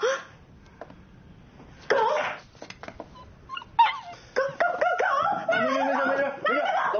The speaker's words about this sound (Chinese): 好可爱啊，这狗。 哪来的狗啊？ 流浪狗，我都喂它两天了。